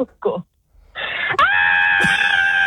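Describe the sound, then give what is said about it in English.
After a couple of short vocal sounds, a caller in Mount Barker lets out a long, loud, sustained scream that rises sharply in pitch and holds steady to the end, screaming to win a machine. “Scream for the machine in Mount Barker.”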